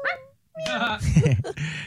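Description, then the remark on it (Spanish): A puppy lets out high, thin whimpering cries in two short bursts, with a brief pause between them and some low background rustling and murmur underneath. “Hay un perrito y una gatica.”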